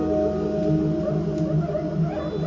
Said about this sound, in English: like a it's like a Kuisa. Ah, monkey drum. That's the name of it, Kuisa.